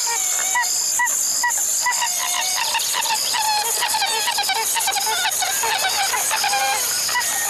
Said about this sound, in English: A pied-billed grebe.